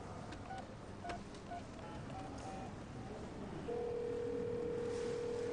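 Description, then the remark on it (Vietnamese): A series of short electronic keypad beeps as someone dials on a borrowed phone, pressed in quick, uneven succession, then a steady unbroken phone tone sounds to the end, over a faint background hum. “Cô có điện thoại không, cho tôi mượn một chút.”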